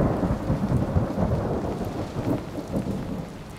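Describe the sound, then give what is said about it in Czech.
A steady thunderstorm: deep, continuous rumbling thunder rolls through the low end while a dense hiss of falling rain fills the background, loud and unbroken for the whole stretch, with no voices. “Ve chvilce bylo nebe jako v jednom ohni a burácení bylo pořád blíž a blíž a pak to najednou začalo.”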